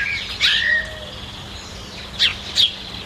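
Birds sing and chirp outdoors, with a bright burst of twittering near the start and two quick sharp calls toward the end over soft background ambience.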